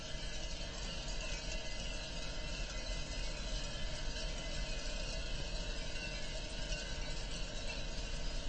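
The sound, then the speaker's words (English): A field recording made in Slovakia, released on a 2018 album: a dense, unbroken chorus of sheep bells, many metallic clanks and rattles overlapping into a steady wash with sustained ringing tones, holding an even loudness throughout with no voices. “As I understand it, this is a chorus of sheep bells.”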